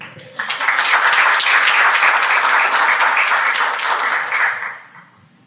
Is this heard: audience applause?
yes